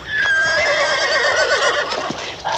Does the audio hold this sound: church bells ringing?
no